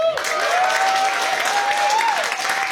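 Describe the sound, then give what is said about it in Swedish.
An audience breaks into steady, dense applause for the house band, led by bandleader Anders Julin, that starts abruptly and holds loud for nearly three seconds, with a faint sustained tone gliding underneath. “Jag vill gärna ge en applåd för dem, kapellmästare Anders Julin.”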